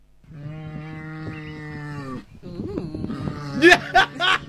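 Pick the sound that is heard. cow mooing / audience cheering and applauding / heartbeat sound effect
cow mooing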